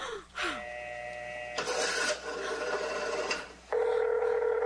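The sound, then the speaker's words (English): A telephone rings in a loud, buzzing burst, bracketed by steady electronic phone tones before and after. No one speaks. “They've heard my voice answering. That's why they've been ringing.”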